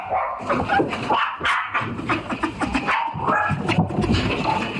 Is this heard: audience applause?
no